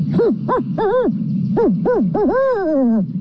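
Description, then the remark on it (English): A person imitates a barn owl call, giving a loud series of short, wavering hooting calls in quick bursts, ending with a longer drawn-out quavering note. No one speaks. “First, we get the barn owl.”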